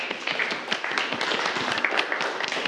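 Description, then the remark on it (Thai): A group of students in a class claps for a classmate who correctly answered a question about blood pressure, producing a dense, steady patter of applause that holds at an even, moderate loudness for a few seconds with no voices over it. “ถูกต้องครับนักเรียนปรบมือเพื่อนเลยครับ”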